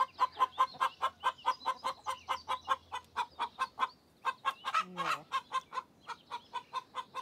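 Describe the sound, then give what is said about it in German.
Hens cluck while laying eggs, in a rapid, steady run of short mid-pitched pulses, with a brief higher squawk sliding downward partway through; no one speaks. “Also Schwerstarbeit, bei der sich die Hühner nur ungern stören lassen.”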